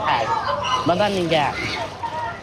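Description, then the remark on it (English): Water splashes and sloshes continuously in a swimming pool in Khan Yunis while children's voices shout and chatter, the lively splashing staying steady underneath throughout. “But he comes to this pool in Khan Yunis, which made it through the war intact.”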